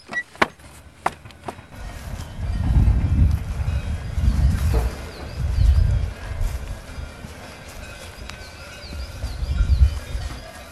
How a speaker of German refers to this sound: Die Kühe und die Kuhglocken zeigen es uns schon an. Wir sind vom nächsten Hof nicht mehr weit entfernt.